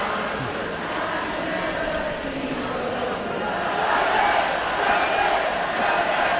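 A big ballpark crowd at Boulder Park sings along together during the last half of the eighth inning, a steady, dense roar of many voices, swelling slightly louder toward the end, with no single voice standing out.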